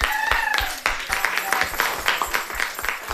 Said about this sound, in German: Es war halt so eine tolle Klasse. Wirklich. Ja. Applaus für euch.